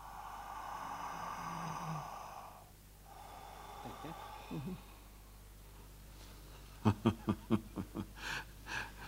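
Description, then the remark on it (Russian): Slow breathing by an undressed prisoner during a medical examination, with a long airy exhale, then a quick series of six or seven sharp, rhythmic breaths or sniffs near the end, over a faint low hum. “Так, хорошо. Дышите.”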